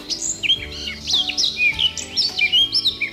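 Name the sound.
eurasian blackcap song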